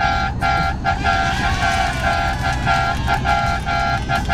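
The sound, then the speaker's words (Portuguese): Loud, sustained car horns honk almost continuously in a steady rhythm of short breaks in the early hours of the morning, with a low rumble of engines beneath and no talking. “Olha o buzinaço da madrugada.”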